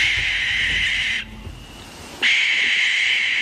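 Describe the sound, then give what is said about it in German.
A barn owl's harsh, hissing screech, loud, rasps on for over a second, breaks off briefly, then returns just as strongly and keeps going. No one speaks. “Oder dann die Schleiereule.”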